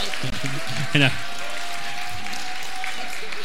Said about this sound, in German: Und auch bitte Applaus für die Familie Wurzer, nicht Wurzer. Ein Riesenapplaus.